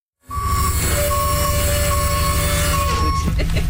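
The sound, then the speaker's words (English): A wheelchair lift on a grocery bus runs as an elderly woman is helped aboard, a steady motorized whine, thin sustained tones riding over a loud, constant low rumble that shifts slightly toward the end. No one speaks. “A few blocks away, we picked up a couple more ladies, one of whom needed a bit of an assist using the bus lift.”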